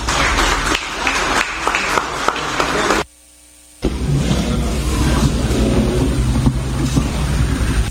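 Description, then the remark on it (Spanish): Loud, dense applause from a crowd, a steady wash of clapping that cuts out briefly for a moment of near silence before swelling back just as strongly. “Fuerte los aplausos.”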